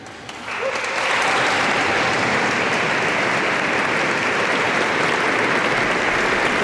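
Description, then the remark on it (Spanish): Volunteers in a cathedral erupt in cheers and shouts as the Pope enters, the noise swelling within the first second into a loud, steady roar of voices and clapping that holds without a break to the end. “Esos eran los voluntarios a los que escuchábamos esos gritos al entrar el Papa.”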